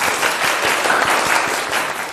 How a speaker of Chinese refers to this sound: 整体还是不错的啊，大家给他鼓掌啊。